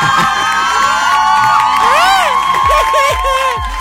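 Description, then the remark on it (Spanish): A sound effect of a loud crowd cheering and whooping with rising, excited shouts over a dense wash of noise, the applause-like roar sustained for a few seconds, punctuated by low thumps near the end. “Ahora ya, qué reflexivo, dame un aplauso.”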